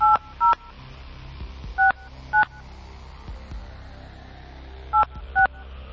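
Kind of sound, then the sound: signal or alarm, telephone number being dialed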